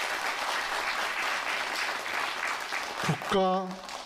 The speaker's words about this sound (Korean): 멋진 무대를 열어주신 서울 소리의 보존회 여러분에게 다시 한번 큰 박수 보내드리겠습니다.